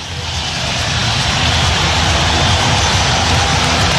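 A basketball arena crowd roars after Frank Mast hits another three-pointer during a Big Red run before halftime, a loud, steady wash of cheering that swells slightly in the first second and then holds at full volume, with no clear voices standing out.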